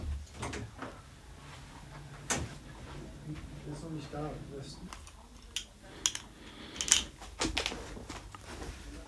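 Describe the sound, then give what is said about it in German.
A woman walks across a studio to a door and opens it, with scattered soft thuds, a sharper knock-like click, and rattling handle sounds against a quiet background with faint murmuring. “Sie geht zur Tür.”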